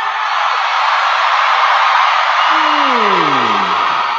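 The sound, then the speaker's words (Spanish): A loud, steady roar of crowd shouting and cheering fills the whole stretch, with one voice rising above it near the end in a long whoop that slides downward. “A mí se me hace que ese es el lado que más grita.”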